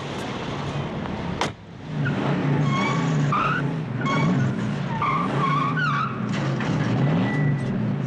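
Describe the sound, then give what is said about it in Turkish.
A car engine roars at high revs while tires squeal and skid repeatedly, a sharp bang near the start, then sustained loud fast driving with screeching turns. “Peki bu arabayı kullanabilir misin? Tabii kullanırım.”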